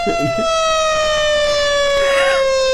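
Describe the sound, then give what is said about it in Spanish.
A loud, sustained 14-minute siren wails with a steady, piercing tone that drifts slightly downward in pitch, with faint background murmuring beneath it. “14 minutos de sirena.”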